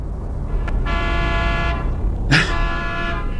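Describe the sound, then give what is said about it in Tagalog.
Car horns honk over steady street traffic rumble: one long sustained blast, then a sharper, louder honk overlapping near the end, with no voices present. “Traffic na sad.”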